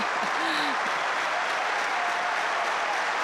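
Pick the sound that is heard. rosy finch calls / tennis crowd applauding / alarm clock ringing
tennis crowd applauding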